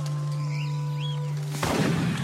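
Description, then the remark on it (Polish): A single gunshot, the second shot, cracks out near the end over a river, its broad blast lingering as a rolling echo. Before it comes a steady low engine-like hum with a few faint chirps. “Po chwili drugi.”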